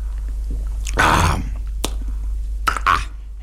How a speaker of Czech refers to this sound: Stará hospůdka dýše klidem a pánové Snětina a … pomalu a s rozvahou utírají rukávem kraje sklenic, než se napijí. Pan Snětina dlouze a mlčky. … s hlučným mlasknutím.